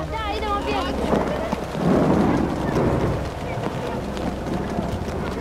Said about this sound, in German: Für die größeren Kinder ist das aufziehende Gewitter noch ein Spaß.